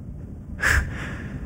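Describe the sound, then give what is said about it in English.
A single short, nasal snore-like snort bursts out, then fades into a low background hum. No one speaks. “You don't have to snore.”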